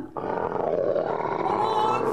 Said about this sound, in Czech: Jaguar! Pomozte mi!